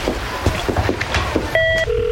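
A quick run of button clicks is followed by a short, clear electronic dialing tone and then a lower steady tone, like a phone number being punched in and connecting. No one speaks.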